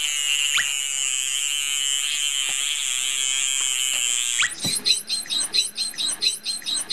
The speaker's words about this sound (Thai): รูจมูกตรงนั้นนะฮะตรงที่มีฟองๆอยู่นะครับนะฮะเป็นเสียงเราจะเห็นได้ว่าเสียงของโลมาเสียงจะเบากว่าจะเล็กกว่าคล้ายๆเสียงนกนะครับแต่ของโลมาพันหัวบาทนะฮะเสียงเขาจะดัง